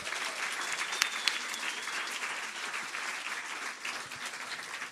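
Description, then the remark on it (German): Steady audience applause for the third contestant fills the whole stretch, a dense wash of many hands clapping at an even level, with a couple of sharper individual claps standing out briefly. No voices are heard. “Und der Applaus für ihn kommt bitte aus euren Reihen.”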